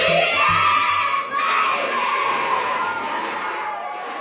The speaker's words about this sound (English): More screaming, happy screaming, summer screaming